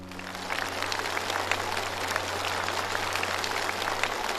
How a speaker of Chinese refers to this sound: 为你的孝心，为你的努力，我们为你鼓掌。